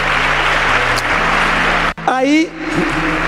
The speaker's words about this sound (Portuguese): Pode dar uma salva de palmas a ele?